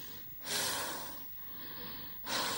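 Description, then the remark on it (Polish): Loud breathing with no talk from a patient during a medical examination: a strong, airy breath drawn in, a softer breath out, then another sharp intake starting at the end. “Oddychać.”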